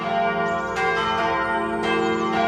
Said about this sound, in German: Es ist Sonntag, es läuten die Glocken, hier gerade die der Chemnitzer Schlosskirche. Als Christ freue ich mich immer, wenn die Kirche mit ihrem warmen, vollen Klang über Berg und Tal, über Wald und Wiesen, Häusern und Straßen vernehmbar wird.